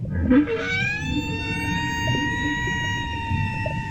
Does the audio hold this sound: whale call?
yes